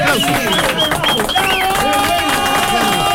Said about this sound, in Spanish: Aplausos.